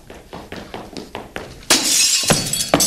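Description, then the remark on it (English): Several evenly spaced thuds lead into a loud crash of window glass shattering as a man who has locked himself out comes through the window: a bright, sustained burst of breaking glass followed by scattered tinkling shards as pieces fall. “I come through the window.”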